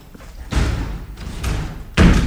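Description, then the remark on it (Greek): A door slams shut with a heavy, echoing bang as someone leaves by the other door, followed by a second, even louder slam about a second and a half later. No voices are heard. “Θα βγω από την άλλη πόρτα.”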